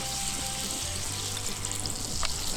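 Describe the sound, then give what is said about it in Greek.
Steady sizzling of sauce bubbling in a hot pan as a little water is added and the sauce glazes for 15-20 seconds, a dense crackling hiss with a few louder pops toward the end, no voices. “λίγο νεράκι και αφήνουμε να γλασάρει.”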